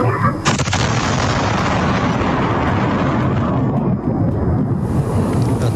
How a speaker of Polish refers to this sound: To była silna eksplozja. Na polu na Lubelszczyźnie pozostawiła lej o średnicy 10 metrów. Wybuch było słychać na nagraniu z kamery monitoringu.